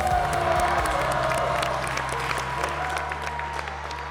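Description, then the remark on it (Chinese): Loud, sustained applause from a large audience with cheering voices mixed in, a dense continuous wash of clapping that holds steady throughout. “来，同时我们掌声送给非常优秀的男丁。”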